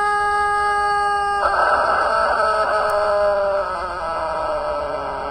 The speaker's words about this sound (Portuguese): ô Papudo, bom dia! Esse é o galo papudo do velho papudo Acilo Severo.